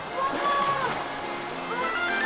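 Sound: splashing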